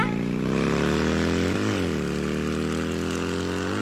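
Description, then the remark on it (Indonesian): A motorcycle ridden by a child drones loudly and steadily, its pitch rising and dipping briefly as it shifts, then settling into a lower hum. No one speaks. “Aduh, bawa motor terus lagi.”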